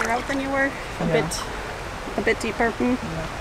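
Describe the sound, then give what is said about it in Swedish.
Feet wading through a shallow stream lined with alder trees, steady rushing water with a couple of brief splashes, while people talk over the flow. “It's really quite it's quite fun to have your feet in the water.”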